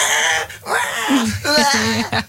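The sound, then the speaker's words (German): A voice on the Radio 7 morning show imitates a baby crying in the car, with a few short, wavering wails that rise and fall in pitch, separated by brief catches of breath, loud and with no other talking. “Ja, wenn euer Baby es auch hasst, Auto zu fahren und weint und schreit, dann versucht es doch mal mit einem Bild von euch.”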